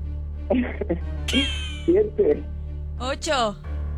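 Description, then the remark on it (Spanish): A person imitates a cat's meow several times in quick succession in place of the number six in a counting game, voiced sliding calls with some breathy vocal sounds between them over a steady low hum. “El maullido de un gato.”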